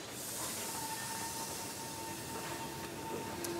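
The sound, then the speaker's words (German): A special excursion train rolls steadily past, a continuous loud rumble with airy hiss and a faint high whine running through it, no voices. “Laufen, Radfahren, Wandern, Autofahren oder an besonderen Tagen mit einem besonderen Zug, dem Rhönzügle.”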